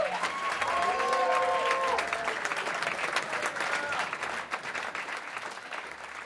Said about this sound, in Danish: Ja, sådan her klapper altså et yderst tilfredst publikum. De har nemlig lige set og lyttet til … med … og ….